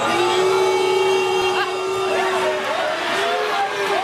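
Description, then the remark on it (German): A large stadium crowd of football fans roars and boos in a steady, loud wash of noise, with a sustained low jeering tone and scattered clapping, as Brazil's Neymar prepares to take the last penalty in a World Cup round-of-16 shootout that Norway wins 2-1. “Die einen buhen schon, bevor Brasiliens einziger Superstar Neymar überhaupt zum Schuss für den letzten Elfer ansetzte.”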